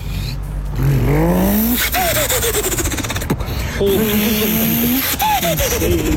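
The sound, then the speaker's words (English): A man imitates a car engine with his voice, producing two loud rising revving sweeps, each climbing in pitch and then dropping, with raspy, gritty texture like tires and exhaust. “give me your best car impersonation, whether it's a burnout, whether it's a car ripping it up around the track”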